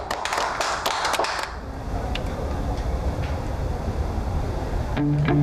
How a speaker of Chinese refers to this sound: 大家鼓掌欢迎。